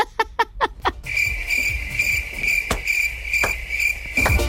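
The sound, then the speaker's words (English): A few quick sharp taps open, then crickets chirp in a steady, high-pitched trill that carries on alone to the end, with a couple of faint knocks beneath. “Dad did not deserve cricket.”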